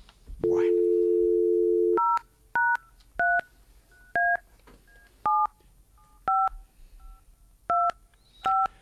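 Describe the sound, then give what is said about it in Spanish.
A steady low dial tone hums for a second or two, then a telephone number is dialed to call a radio listener: about eight short, evenly loud DTMF beeps, each a clean two-pitch chirp, spaced irregularly. No talking. “Intentamos llamarlo.”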